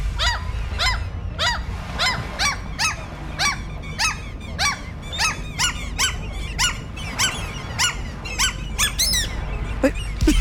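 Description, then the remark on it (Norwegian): Seagulls call over and over in a rapid, rhythmic series of shrill, squealing cries, fairly loud, above a steady low background rumble. No one speaks. “Altså, den siste mokka der hadde du satt noe i halsen.”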